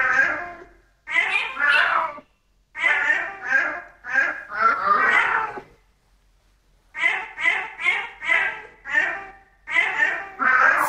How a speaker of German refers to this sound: Dann hören wir uns nochmal an, was Kater Barney da gemaunzt hat und dann sagen Sie mir hoffentlich die richtige Lösung.